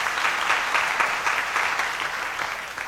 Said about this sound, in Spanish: por aquí está, vamos a dar un aplauso para la niña.